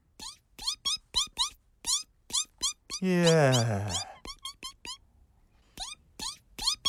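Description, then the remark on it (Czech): A newly hatched chick, just out of an egg that Blahomír slept on and kept warm, peeps in quick, high, rising chirps repeated over and over, briefly interrupted midway by a louder, drawn-out harmonic cry before the peeping resumes. “Páni, z vajíčka se vylíhlo kuřátko.”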